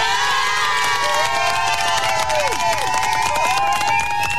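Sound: audience applause and cheering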